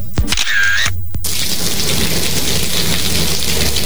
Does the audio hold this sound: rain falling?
yes